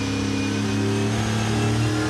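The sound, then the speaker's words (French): The V8 engine of a 1967 Camaro revs hard toward 7,500 rpm while driven at a vintage Grand Prix event, a loud, continuous throaty roar with strong low harmonics holding steady across about two seconds, with no voices. “Un V8 qui prend 7500 tours. Oh la vache. Oh le son.”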